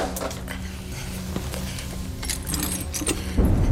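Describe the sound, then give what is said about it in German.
A long-stopped mantel clock being wound and set going again: a run of irregular metallic clicks, scrapes and light rattles over a low background hum, ending with a louder clunk. “Hören Sie nur, wie sie tickt.”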